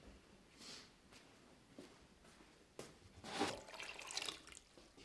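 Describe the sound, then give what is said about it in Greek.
Water is poured into a pot over fish, enough to cover them by two fingers, a splashing, gurgling pour that swells in the second half, preceded by a few soft clinks and rustles. No one speaks. “Θα βάλουμε νερό να καλύψει τα ψάρια κατά δύο δάχτυλα.”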